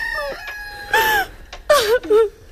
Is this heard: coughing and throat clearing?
no